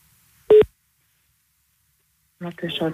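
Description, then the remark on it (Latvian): A single short, loud electronic telephone keypad tone beeps once while dialing the language consultation line of the Latvian Language Agency, followed by a long silence before a voice starts speaking. “Valodu centru uzvenam, pajautājam.”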